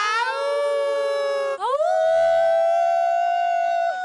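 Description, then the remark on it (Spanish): A crowd of voices howls like a she-wolf at Macondo Park in Spain, loud and sustained, breaking off briefly before swooping upward into a long, steady high howl that holds to the end. “Llevaban 8 años ensayando el aullido de la loba.”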